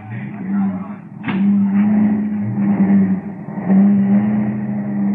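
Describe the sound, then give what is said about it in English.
Car engines rumble steadily, with a sharp thump early on and the motor note rising and falling slightly as vehicles start up and pull away. “We've wasted enough time around here. We're pulling out right now.”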